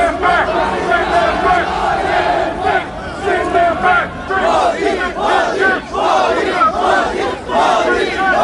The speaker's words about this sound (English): There were more than 100 police officers around Spark Arena as protesters against and supporters of Mr. Modi's visit faced off. Crowds were chanting anti-immigrant slogans and the Prime Minister's name.